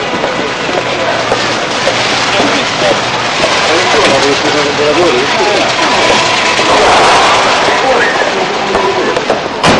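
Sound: car interior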